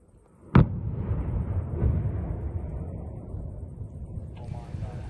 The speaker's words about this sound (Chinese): 罗马尼亚海军在巴拉运河的一侧实施了受控爆炸，而爆炸激起了巨大的水花和浓烟。